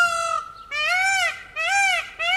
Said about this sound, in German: Bad Zwesten wird von einem Pfau unsicher gemacht. Und dieser Pfau spaltet die Gemüter.